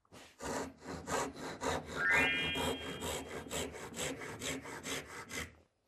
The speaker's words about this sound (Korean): 자, 이렇게 직선으로 잘라도 되고, 톱질이 자신 있으신 분들은 바로 이렇게